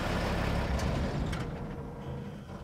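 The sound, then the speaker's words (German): A heavy truck engine rumbles and strains steadily as it drives up steeper sections of mud and loose ground after a river crossing, with a couple of short hissing bursts partway through and no voices. “Bis hierher hat der Truck es auch so geschafft.”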